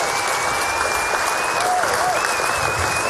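Steady, dense applause from a concert audience fills the whole moment, a continuous wash of clapping at an even loudness, with a faint thin whistle-like tone drifting over it.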